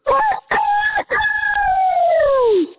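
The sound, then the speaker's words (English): A person imitates a rooster's crow: two short clipped bursts followed by one long drawn-out call that slides downward and trails off, loud with no other sounds. “I would say the open is stronger than the close, but overall, a great rooster crow.”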